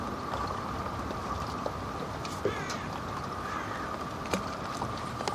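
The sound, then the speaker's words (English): A boat engine drones steadily for the whole stretch, a constant rumbling hum with faint scattered clicks and chirps on top, never cutting out. “Stop the engine.”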